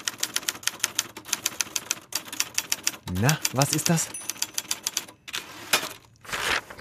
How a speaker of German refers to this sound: Dann noch schön das Papier rausziehen aus der Rolle. Das ist etwas, was die Jüngeren unter uns vermutlich nicht mehr kennen. Die Schreibmaschine, quasi Vorläufer der Computer.